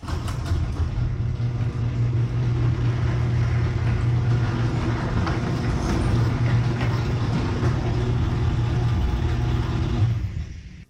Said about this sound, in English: All right, Jerry, play the audio file of my new garage door rollers, the premium nylon rollers.